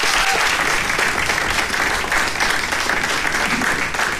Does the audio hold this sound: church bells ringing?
no